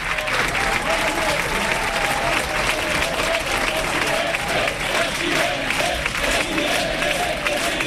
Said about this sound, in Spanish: Mira qué aplauso.